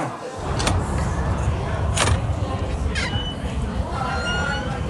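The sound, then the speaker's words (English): A door is opened against a steady noisy background, with a few sharp clicks and knocks from the latch and handle spread across a few seconds. “You're leaving that door open.”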